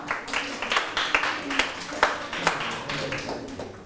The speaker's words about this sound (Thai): ถูกต้องปรบมือให้ตนเอง